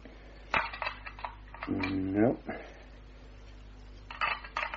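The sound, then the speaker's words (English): In a Sherlock Holmes drama, keys jingle and scrape as they are tried in the lock of the door to the shuttered room, bright metallic clinking at the start and again at the end, with a short strained vocal sound in between. “No, these are the only keys, Miss Hunter.”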